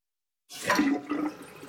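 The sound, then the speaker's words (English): A slow-draining toilet is flushed again, a sudden rushing gush of water that swells quickly and then churns and gurgles steadily as the bowl drains, with no voices. “Honey, this toilet is still slow. Flush it again.”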